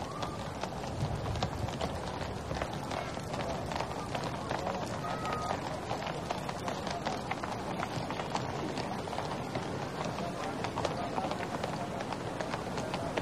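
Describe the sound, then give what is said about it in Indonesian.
Many horses' hooves clatter steadily in a dense, continuous patter of clip-clop, a broad rolling mass of hoofbeats with no pauses, as a cavalry troop of 81 horses passes on parade for the anniversary of Indonesia's independence, heading toward Istana Merdeka in Jakarta. “Ini adalah pasukan berkuda yang berjumlah 81 yang menggambarkan umur kemerdekaan Republik Indonesia.”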